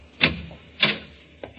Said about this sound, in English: Another door.